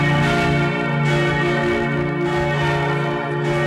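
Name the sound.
cathedral church bells ringing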